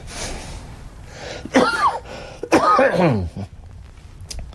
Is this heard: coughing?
yes